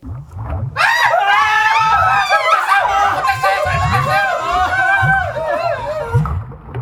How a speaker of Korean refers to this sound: 주저앉은 채 서로 꼭 부둥켜하는 소초모들의 비명이 창고 안을 가득 메운 순간이었다.